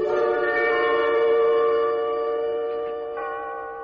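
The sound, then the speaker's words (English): An old clock's chime rings out as one long, steady tone rich in overtones, holding for several seconds before slowly fading, with no voices. “I want to fool around with the works and see if I can get it going and figure out what goes with the chime.”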